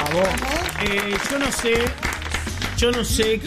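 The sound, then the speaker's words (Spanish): Audience applause fills the whole three and a half seconds, a steady dense patter of clapping mixed with a bright, tuneful musical jingle and some voices on top. “Chicos, fuerte el aplauso”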